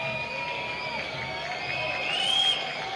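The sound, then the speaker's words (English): A large stadium crowd at a baseball game, prompted by the big scoreboard in left center field to make noise, roars and cheers steadily, a dense wash of voices and whistles that swells slightly toward the end, with no single voice standing out. “The big scoreboard in left center prompting this great crowd to make some noise. They oblige.”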